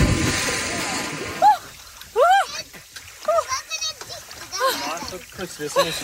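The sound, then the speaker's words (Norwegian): Water splashes and sloshes while a woman lets out several short, high-pitched shrieks and yelps, loud, as she plunges into the cold sea in Østfold, Norway, with other voices faintly in the background. “basert på andre badenes badelyder og badeskrik”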